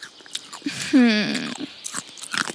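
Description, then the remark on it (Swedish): Crunchy chewing of snacks meant for a party, eaten by a Christmas monster: a run of short, crackly bites and munches, broken briefly by a low, drawn-out voiced groan partway through. “vad är det du tuggar på, om man vill förstå? Det är mina snacks, Superlo.”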